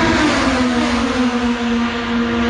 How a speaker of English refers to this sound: Well, the race cars are off in Markham.